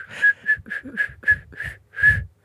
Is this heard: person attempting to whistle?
yes